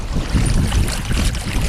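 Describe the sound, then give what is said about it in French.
A sailboat, just out of port with its sails being raised, moves through the water with a steady rush of wind and sloshing water, the wind buffeting the microphone throughout and nobody speaking. “Il est 8h-10, on est parti du port et on va essayer de sortir les voiles.”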